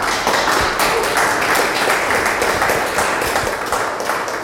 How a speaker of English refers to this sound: The walk concluded back at the gallery. As the final phones fell silent, the buzzing masterpiece came to an end, prompting smiles and warm applause from the participants.